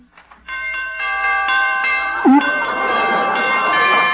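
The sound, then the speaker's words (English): Door chimes ring out in a quick series of bright, overlapping tones that keep sounding and shimmering. A short vocal exclamation briefly cuts in partway through. “Son, those door chimes.”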